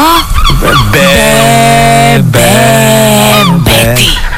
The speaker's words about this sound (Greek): Καλέ, τι γλαροπούλια είναι αυτά που ακούγονται. Καλέ, τι γλάρι ακούγονται.